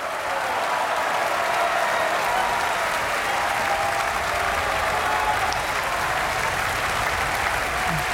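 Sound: opera audience applause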